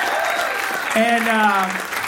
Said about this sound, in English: Round of applause for him, by the way. Very funny guy.